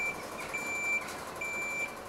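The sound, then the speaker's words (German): A fire brigade ladder truck at a zoo is moved into position, its reversing alarm sounding steady, high-pitched beeps, each about half a second long and evenly spaced, over a continuous low rumble of engine noise. No one speaks. “Die Feuerwehr bringt ihren Leiterwagen in Position.”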